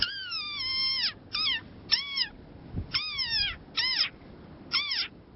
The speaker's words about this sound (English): Now, its high-pitched squeak has made the tiny desert rain frog an internet sensation.